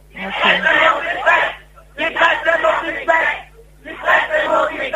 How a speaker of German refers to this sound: Ja, es ist sehr eindeutig, was die Leute schreien. Sehr deutlich, dass die Presse nicht weg muss.